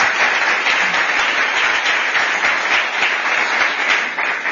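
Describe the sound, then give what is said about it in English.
Steady, dense applause from an audience welcoming speakers at a CSIS event fills the whole stretch, many hands clapping at once in a loud, continuous wash without any voices standing out. “So would you please welcome them with your applause?”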